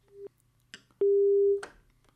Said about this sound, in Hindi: और एक phone call आ रही है तो लेते हैं अगला फ़ोन कॉल।